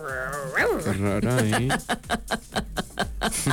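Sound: voice imitating a dog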